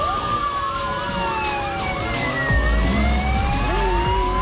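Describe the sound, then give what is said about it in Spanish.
A traffic police car siren wails continuously, its pitch sliding as the vehicle passes by, with a low rumble of engine and road traffic swelling underneath in the second half. “Una móvil de tránsito.”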